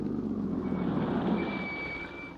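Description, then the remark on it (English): A car rumbles steadily, its engine noise easing slightly as a thin, high brake squeal rises and holds for a second or two while it slows to a stop at a billboard sign. “Slow down, come to a stop at that billboard sign.”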